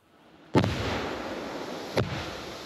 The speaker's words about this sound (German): Zweimal gut 5 Kilo Sprengstoff explodieren hier. Der Munitionsbergungsdienst hatte zuvor extra Löcher gegraben. Die Panzerminen waren zwar nicht mehr transportfähig, aber handhabbar.